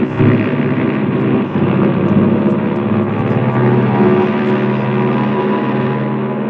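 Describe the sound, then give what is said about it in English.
A loud, steady roar of an airplane's engines as it takes off from an airport dominates throughout, a dense droning rumble with a humming tone that holds constant, without any voices. “all of which added up to me at the airport just in time to watch my plane take off without me.”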